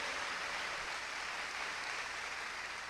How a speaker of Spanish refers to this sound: Pero si ese aplauso fue para ti, qué pobre. De verdad que sí. Porque tú eres criatura de Dios.